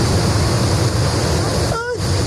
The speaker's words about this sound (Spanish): En este pueblo han caído 140 litros por metro cuadrado en apenas dos horas y ha provocado la inundación de gran parte del municipio. Este era el sonido recogido por algunos de sus vecinos. ¡Dios mío!